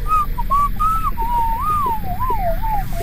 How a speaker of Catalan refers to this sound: No pares de xiular-la?